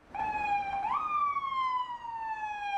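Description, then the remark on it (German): An ambulance siren wails loudly, its tone sliding upward then slowly sinking as the ambulance passes across Charles Square (Karlsplatz) in Prague, Czech Republic, with faint traffic rumble underneath and no voices. “Ein Krankenwagen fährt über den Prager Karlsplatz, vorbei an Jáchym Topol.”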